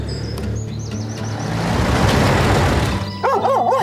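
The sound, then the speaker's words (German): A dog breaks into a quick burst of sharp, urgent barks, raising the alarm at danger as a truck approaches, after the rumble of the vehicle, with birds chirping faintly in the background. “erkennt die Gefahr und schlägt sofort Alarm.”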